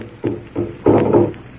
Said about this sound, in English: Listen. The drum. It's getting louder. Listen to it.